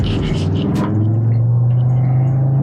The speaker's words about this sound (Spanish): El sonido del motor es una belleza. Qué buena forma de celebrar los 50 años del motor de 5 cilindros turbo, y pues tal vez de despedirlo, ¿no?